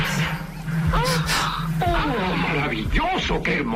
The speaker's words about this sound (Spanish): ¡Qué hermoso eco!